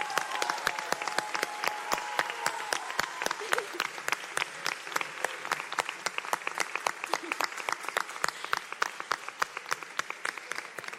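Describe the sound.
Steady audience applause for this year's pubilles and hereus fills the whole stretch, dense overlapping claps at an even, moderately loud level with a few faint voices murmuring underneath.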